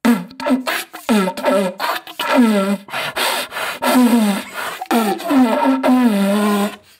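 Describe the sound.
A rhythmic beatbox performed through a deer call, with low, rasping, bellowing tones broken by sharp percussive clicks and pauses, repeating in short looping phrases for several seconds without speech.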